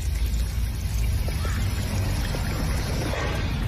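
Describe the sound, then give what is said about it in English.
A water fountain runs in a steady, continuous splash and hiss, fairly loud, with a low rumbling undertone and no voices, during a hydration break on a 90-minute run in July, at 27 degrees at 8:20 a.m. “Let me go find the water fountain.”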